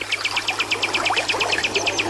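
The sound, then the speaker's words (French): A bird sings a quick, steady series of high, bright chirps, about a dozen in two seconds, over the constant soft rushing of flowing water at the Rivière Noire in Djara. No one speaks. “C'est apaisant d'être là, c'est relaxant de se retrouver en pleine nature comme ça, d'entendre les oiseaux voler, chanter, et le bruit de l'eau aussi qui nous berce.”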